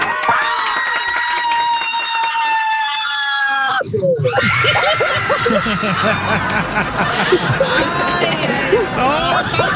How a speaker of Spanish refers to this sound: un grito de terror, que ya ganaste